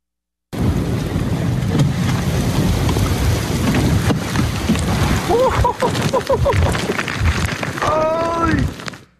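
An overnight thunderstorm over Lake Erie at Buffalo, New York, with strong winds and hail, a steady roar of heavy rain and deep rumbling thunder from start to finish, with a few brief voices calling out near the end.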